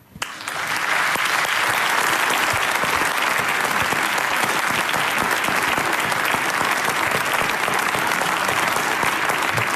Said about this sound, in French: Mesdames et messieurs, je vous demande d'accueillir et d'applaudir très fort